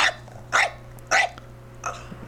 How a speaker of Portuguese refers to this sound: Esse aí, que cachorro é esse aí, produção? Ah, esse cachorro aí tá bom, esse daí tá fora. Latindo forte.